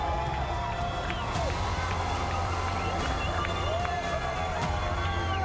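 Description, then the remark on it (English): A large outdoor crowd at a surf contest at Snapper cheers steadily, a dense roar of many voices with scattered whoops and shouts rising above it, continuous and loud throughout. “Look at that crowd.”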